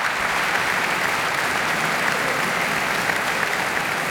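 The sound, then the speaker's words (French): Sustained applause from a large concert audience at the Radio France auditorium after a live afternoon solo piano performance, a dense, steady wash of clapping that holds at an even level throughout with no voices standing out. “La musicienne profite de l'acclamation du public pour se replacer et se concentrer avant d'entamer déjà la dernière œuvre du programme, tout aussi virtuose et ambivalente.”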